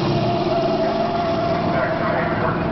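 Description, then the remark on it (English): A car braking hard with anti-lock brakes engaged, a loud, continuous rumbling engine and road noise with a faint whine running steadily through the whole stretch. “Okay, let's try it again, this time with the anti-lock brakes. ABS reacting.”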